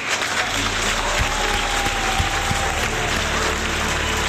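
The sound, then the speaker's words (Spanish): An audience claps steadily for about four seconds, a dense, even wash of many hands at a loud, constant level, applauding the women of the West. Faint crowd murmur sits underneath, with no clear speech. “Quiero aplaudir a las mujeres del West.”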